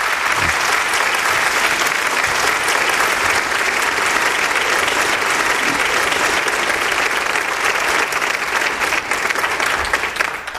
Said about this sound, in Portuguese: o momento em que se anuncia uma descoberta que o Maluf e o Buzaide vão explicar nessa questão do câncer de pâncreas, e os médicos levantam, aplaudem, alguns se emocionam, lágrimas.